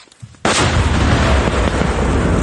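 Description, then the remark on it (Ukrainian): A controlled detonation by bomb disposal experts clearing mines and unexploded ordnance in Kherson region, Ukraine: after a brief quiet moment a single powerful, loud explosion erupts, its deep roar and rumble rolling on for a couple of seconds. “знешкоджують міни, розтяжки та нерозірвані боєприпаси. Є, готові. Приземлилися всі, стартуємо. Увага! Вогонь!”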